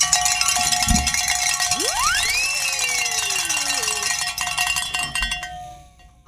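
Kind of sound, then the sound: signal or alarm, bells ringing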